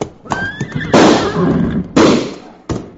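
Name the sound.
horse whinnying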